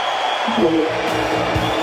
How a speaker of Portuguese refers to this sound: A gente ouve aí aplausos lá na convenção do PT, talvez por isso o áudio para ele nos ouvir fica um pouquinho difícil, mas a gente acompanhando tudo aqui ao vivo.